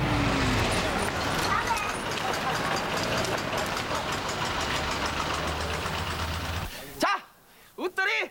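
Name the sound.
bus engine idling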